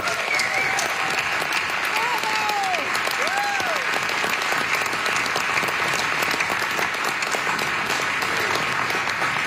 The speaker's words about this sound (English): And that alone deserves some applause.